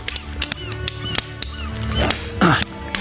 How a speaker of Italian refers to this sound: Ora proverò a comunicare con loro prendendomi a schiaffi da solo.